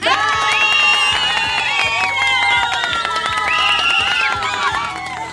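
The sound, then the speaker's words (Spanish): A loud crowd cheers and shouts continuously, with many overlapping high-pitched voices and whoops. The excited noise holds steady for the whole stretch, with no individual speech standing out. The applause is sent from the Chami Radio booths during the program Buenas Nuevas. “Así que desde acá, desde las cabinas de Chami Radio, le enviamos grandes saludos, muchas bendiciones y grandes aplausos por ustedes.”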